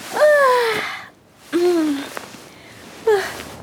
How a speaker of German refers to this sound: Früh am Morgen wacht Conny mit einem großen Gähnen auf.